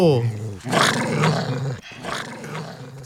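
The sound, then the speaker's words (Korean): A person imitates a dog's growl with a rough, snarling voice, rising into a loud throaty roar, pausing briefly, then continuing with a second growling burst. “자, …님께 …님께서 개소리 연기를 잘하네요.”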